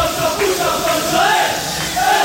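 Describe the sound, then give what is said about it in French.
A loud, continuous crowd of Corsicans in Corsica chanting and cheering, celebrating France's defeat, with sustained tonal car horn blasts mixed into the dense wall of voices; flares were also lit. “Des chants, des klaxons, des fumigènes aussi allumés par des Corses qui fêtaient la défaite de la France.”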